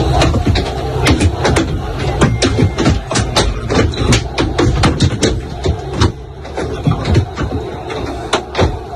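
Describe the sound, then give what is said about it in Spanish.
Objects thrown at the Real Madrid team bus as it arrives at Camp Nou strike it over and over, heard from inside the bus: a rapid, irregular barrage of sharp bangs and thuds over a steady low engine rumble. “baja el Camp Nou para que se oiga el sonido desde dentro del autocar del Madrid.”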